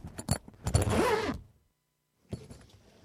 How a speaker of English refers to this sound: Oh, dashed zip. That's why I leave it open.